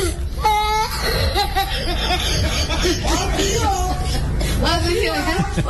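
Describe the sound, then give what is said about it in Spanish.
A boy's voice from a much-heard TikTok clip wavers between crying and laughing, with wailing, harmonic bursts and giggly breaths blending together over a few seconds, fairly loud against a busy background. “Este niño que está como llorando y se ríe.”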